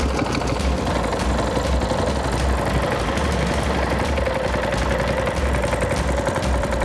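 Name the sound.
boat motor running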